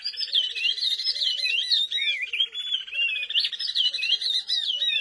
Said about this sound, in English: In this duet of oriole warblers from Senegal, the female keeps time with a rising series of staccato notes as the male whistles along.